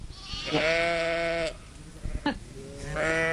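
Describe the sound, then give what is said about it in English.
Two loud, wavering sheep bleats, each lasting about a second, with a short pause between them, with no one talking. “All right, we're going to be talking about sheep for the next few questions. All right, just to set the mood.”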